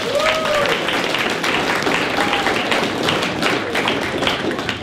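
A crowd applauds steadily, dense clapping filling the whole stretch at a fairly loud level, with a few whoops and faint voices rising above the clatter.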